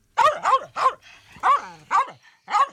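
A dog barks about six times in short, sharp bursts with small uneven gaps, loud, with no other sounds around it.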